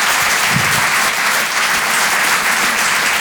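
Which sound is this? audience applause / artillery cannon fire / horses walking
audience applause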